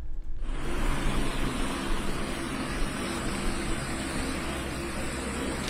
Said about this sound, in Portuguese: Aí nesse momento em que o helicóptero chega, faz o pouso.